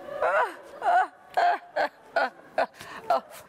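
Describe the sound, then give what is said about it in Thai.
A person gasps and struggles for breath, unable to breathe, in a series of about seven strained, voiced bursts, fairly loud, each rough intake separated by brief pauses. “โอ้ยนี่มันเป็นอะไรวะเนี่ยหายใจไม่ออกโอ้ยใครก็ได้ช่วยฉันที”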